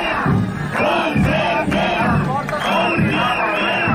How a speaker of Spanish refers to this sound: Por cierto, mientras se producía esa reunión, al filo de la una ha llegado a las puertas de la Conselleria una nueva manifestación masiva del profesorado que ha partido del centro de Valencia. Manifestantes que pedían que se les abriera la puerta.